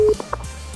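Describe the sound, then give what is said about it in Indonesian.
A quick burst of telephone connection tones as a phone call is taken on the radio program Sirina Pace: a short steady beep followed by a few brief electronic blips, clear, with no voices. “Terima kita telepon.”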